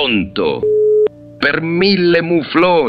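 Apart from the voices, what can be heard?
telephone busy tone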